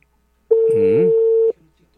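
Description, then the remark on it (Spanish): A single one-second telephone ringing tone, steady and fairly loud, sounds once on an unanswered call to councillor Marco Guaja, with a faint voice murmuring beneath it before silence returns. “Coge el teléfono, Marco Guaja.”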